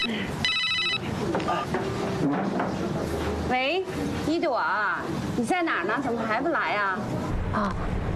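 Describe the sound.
A phone's electronic ringtone chirps briefly near the start, a short bright burst of stacked tones, and then people's voices carry on talking over a busy background.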